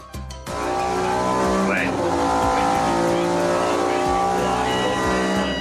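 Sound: sports car engine revving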